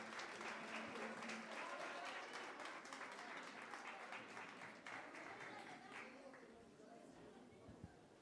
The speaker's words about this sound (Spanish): Recibamos con un fuerte aplauso a la ejecutiva, por favor.